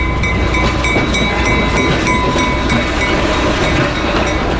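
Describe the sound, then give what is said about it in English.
A diesel train rolls along the tracks with a steady, loud rumble, its wheels clicking and clacking over the rail joints in a repeating rhythm, with faint high metallic tones above. “It's like, especially like the clickety-clack of the rails and the horn and the dinging of the bell is what really makes it kind of come alive.”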